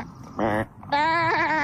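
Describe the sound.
A person imitates a goat with two loud bleats: a short quavering one, then a longer wavering bleat that trails off after a brief pause.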